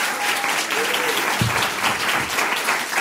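Steady applause from a crowd fills the whole stretch, a dense wash of clapping at an even, fairly loud level, with a faint voice or two briefly audible underneath.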